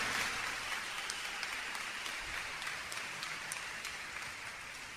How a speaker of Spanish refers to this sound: Mis hermanos, mis hermanas, ese aplauso es para el de arriba, ¿eh?